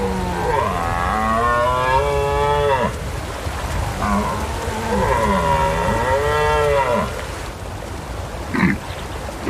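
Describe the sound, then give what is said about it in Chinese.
A red deer stag roars twice, each a long, deep, harmonic bellow lasting about three seconds with a wavering pitch, separated by a short pause. A brief rustle follows. “每一次对抗都在消耗这只雄性欧洲马鹿的体力，它必须击退一波又一波的挑战者。”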